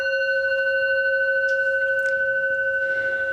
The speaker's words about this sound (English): Each conversation lasts about 6 minutes. First, you'll hear a gong sound.